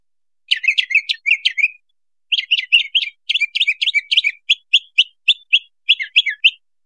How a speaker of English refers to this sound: So, Marcus, that A is sung by an older male mockingbird. If you listen to it carefully, you can see it's highly stereotyped